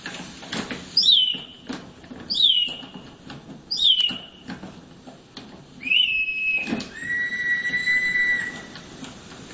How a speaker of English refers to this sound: and then inside there's a little bellow, and it causes air to pass through that bellow, which causes a whistle to sound off, which makes the bird sound like it sings. In fact, we've got a sound of it. Have a listen.